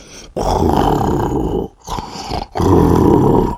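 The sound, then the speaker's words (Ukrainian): A voice imitates snoring to demonstrate how to snore, with three loud, rasping, low breaths: two long rumbling snores separated by a shorter one, each with a gravelly, growl-like texture and brief silences between them. “«Тоді ти також хропи», – порадив Карсон, – «десь так».”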